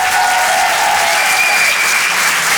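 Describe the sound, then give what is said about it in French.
An audience at the Rire et Chanson Comedy Club claps steadily for Nina Azoulay, a dense, loud wash of applause with no gaps, a few faint tonal whistles or cheers riding above it. “Faites du bruit, s'il vous plaît, pour Nina Azoulay.”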